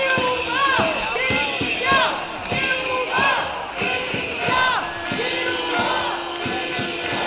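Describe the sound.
A large protest crowd marching down Via Laietana to Plaça Sant Jaume at the Palau de la Generalitat chants slogans such as "menys policia, més educació" in loud, rhythmic bursts, voices rising and falling together in a steady repeating cadence, with scattered shouts and drum-like thumps underneath.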